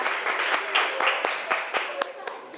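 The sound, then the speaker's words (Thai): A classroom of children claps together for a couple of seconds for a classmate who read a sentence aloud, a dense patter of many hands with a few sharper, louder claps standing out, and some voices mixed in. “ถูกไหมคะทุกคนปรบมือให้เพื่อนหน่อยนะคะ”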